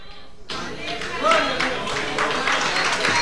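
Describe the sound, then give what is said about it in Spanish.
After a brief quiet moment, a large crowd bursts into sustained, dense applause, many hands clapping at once, with scattered voices and a short cheer rising through it; the applause is given for Christ. “El aplauso sea más fuerte, que Él se lo merece.”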